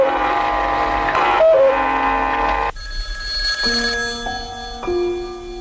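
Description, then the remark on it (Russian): A telephone rings at midnight with a melodic electronic tone, its sustained notes stepping between pitches. It sounds fairly loud, with no voices. “Второй телефонный звонок раздался ровно в полночь через неделю.”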